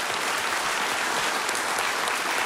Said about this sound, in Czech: Takhle vám tleská Havlíčkův Brod.